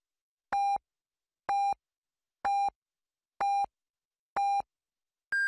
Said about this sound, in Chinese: 北京时间13点整，第一财经广播提醒您准确对时。